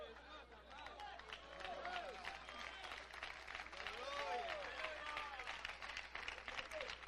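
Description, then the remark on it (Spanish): Sustained applause from a crowd for Donald Trump, dense rapid clapping mixed with cheering voices and shouts rising above it, steady and fairly loud throughout. “Oiga, ese aplauso es para Donald Trump, ¿verdad, hermanos?”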